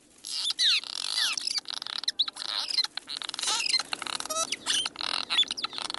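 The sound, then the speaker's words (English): A busy colony of cliff swallows chatters nonstop, with many overlapping squeaky chirps and buzzy calls, forming a dense, restless twittering with no voices. “Cliff swallows, on the other hand, will often reuse nests.”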